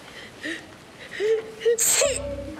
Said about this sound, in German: Ich werde krank. Du hast nur geniest.